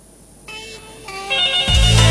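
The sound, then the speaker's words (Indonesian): A telephone rings again during a live call-in broadcast, with a melodic electronic ringtone, its bright tones stepping up and growing steadily louder over a couple of seconds, with a deep thump entering near the end and no talking. “Di sore ini, dan sepertinya ini sudah berdering kembali, saya coba sapa, halo.”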